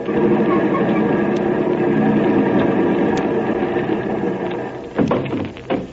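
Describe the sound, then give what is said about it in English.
A car engine idles with a steady, continuous rumble throughout, fairly loud, as the car nears a gate on a street, followed near the end by a brief clunk or knock. “One more turn and the car will be right at that gate down there.”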